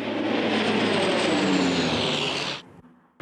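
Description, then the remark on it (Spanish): A Canadair firefighting water-bomber plane, fighting a wildfire around Milna at the western end of an island, roars past overhead, its loud engine drone sliding slightly downward in pitch before cutting off abruptly near the end. No one speaks. “Los bomberos, apoyados por 4 aviones cisterna Canadair y un air tractor, centran sus esfuerzos en los alrededores de Milna, en el extremo occidental de la isla.”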